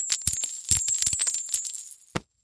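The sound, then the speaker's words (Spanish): Metal coins clink and jingle together in a quick, irregular burst of bright ringing taps, fairly loud, ending with a couple of final sharp clinks after a brief pause. “No, señor, no quiero sus monedas.”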